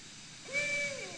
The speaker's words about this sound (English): What is that? That's a barred owl. And it was right over the tent all night.